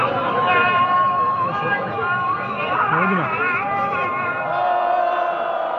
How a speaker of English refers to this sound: Those are protesters booing the call to prayer minutes before two people accused of treason are hanged on July 28th in a main square in Isfahan in central Iran. In a video posted online, they shout shame, shame at the executioners.